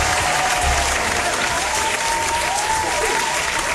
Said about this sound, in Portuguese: Hoje é dia de rodada tripla. Palmas pra Copa do Mundo.